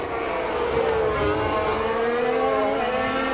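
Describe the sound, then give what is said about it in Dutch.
A Formula 1 car engine downshifting, its high, buzzing whine sliding through shifting pitches as it blips down the gears. The engine stays loud and steady throughout, with no voices. “Je hoort hem ook hè, bij het terugzaken.”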